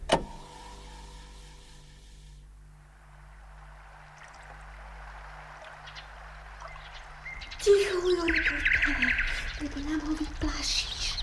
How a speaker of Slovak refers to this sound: No, to predsa Slávika. Nepočuješ? Nepočuješ, ako krásne spieva? No, áno, celkom milo píska.